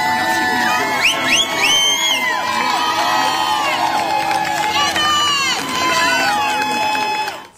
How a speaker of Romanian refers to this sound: Ați urmărit imagini direct din Statele Unite, unde sute de femei s-au adunat în sprijinul mamei care și-ar fi ucis cei trei copii în 2023. Susținătoarele l-au întâmpinat în ropote de aplauze pe avocatul femeii